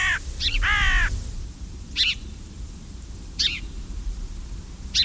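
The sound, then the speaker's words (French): A carrion crow caws outdoors, a couple of harsh calls close together at the start, then single caws spaced a second or so apart over a low rumble of wind or other noise. “La corneille, elle aussi, est très, très omnivore et qui n'est pas toujours appréciée de tous les agriculteurs.”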